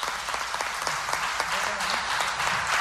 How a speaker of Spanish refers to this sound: Vamos a darle ese fuerte aplauso